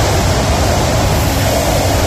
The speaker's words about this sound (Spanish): Mucho viento, pero también mucha agua.